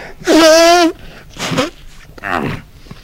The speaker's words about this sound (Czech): Plukovník se hlasitě vysmrkal, což bylo vždy u něho známkou velkého rozčilení